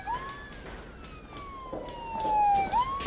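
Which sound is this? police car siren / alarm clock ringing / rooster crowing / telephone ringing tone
police car siren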